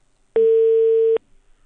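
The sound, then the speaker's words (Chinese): A phone call rings once: one steady telephone tone sounds for just under a second, loud and clear over a quiet line, then cuts off abruptly as the called person hangs up; no voices are heard. “他肯定在听，他肯定也是咱听众，你都不用想，一声他就给挂了。”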